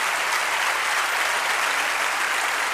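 Steady, dense applause from an audience after a live song performance, a continuous crackle of many hands clapping at once, loud and sustained throughout with no voices standing out.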